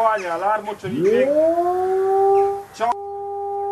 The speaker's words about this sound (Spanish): Esta preocupación ya tiene un sonido clave y son en sí las alarmas de ataque.